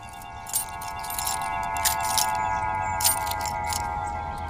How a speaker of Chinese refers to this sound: 熄火，车钥匙。